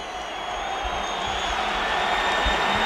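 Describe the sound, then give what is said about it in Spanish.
Crowd applause at the Metropolitano stadium as Yago Aspas comes on as a substitute for Pablo Durán: a dense, steady wash of clapping and crowd noise that holds for about three seconds and swells slightly toward the end, with no clear voices. “Bueno, algún aplauso.”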